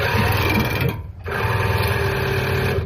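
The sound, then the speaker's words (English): A loud, steady mechanical whir of an ear irrigation pump flushing water into a person's ears to clean out earwax, with a brief dip in the middle before the buzzing motor resumes at full strength. No one speaks. “This is me getting my ears flushed. This is what it sounded like.”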